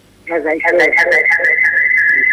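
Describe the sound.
A caller's radio plays in the background of a phone line: a steady, piercing high whistle holds throughout, over muffled, garbled voice sounds that are loudest at the start.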